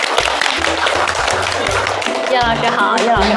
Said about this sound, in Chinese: 下面让我们掌声请出著名影视演员岳红老师，掌声有请。